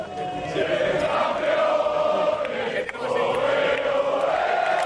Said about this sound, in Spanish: Era el sonido de los jugadores, de todo el equipo técnico aplaudiendo y también trabajadores de la Casa Real. Todos celebrando junto a los reyes, la princesa Leonor, la infanta Sofía.